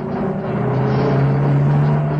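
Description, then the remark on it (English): A small pickup truck bouncing along a rough dirt road in a rural scene: its engine drones steadily and loudly, the low hum climbing slightly in pitch, with constant rumbling road noise from the tires on the rough dirt beneath. “The peace of the rural scene is shattered by the sound of a small pickup bouncing along the rough dirt road.”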